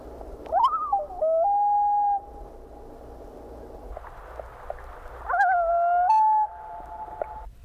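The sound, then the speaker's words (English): Two tremolo-wail combined calls of a loon: each begins with a quavering, warbling burst that rises into a long, steady mid-pitched wail. A few seconds of quiet separate the two calls, and there is no talking. “Here are two tremolo-wail combined calls.”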